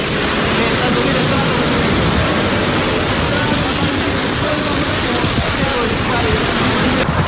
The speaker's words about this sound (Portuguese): A força do fogo, as labaredas a queimarem tudo à passagem, é audível neste vídeo, assim como o vento forte que empurra as chamas.